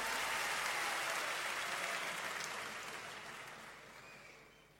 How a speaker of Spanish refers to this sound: favor, fuerte el aplauso.